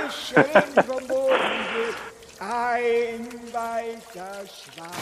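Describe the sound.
A brief burst of splashing, pouring water from a paddle boat being paddled around the stove in a flooded kitchen rises and fades mid-clip, surrounded by playful wordless vocal sounds and hums that sound like a voice imitating the paddling.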